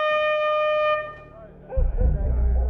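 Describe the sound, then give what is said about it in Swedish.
A loud, steady horn blares for about a second, then cuts off and gives way to voices talking and general background noise. “Och allt tutande.”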